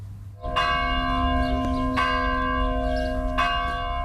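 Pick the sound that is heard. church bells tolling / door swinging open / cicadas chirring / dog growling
church bells tolling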